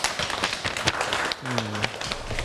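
Students clap for themselves after successfully completing a class activity, together in a dense, steady patter of many hands, with a brief low humming tone sounding partway through the applause.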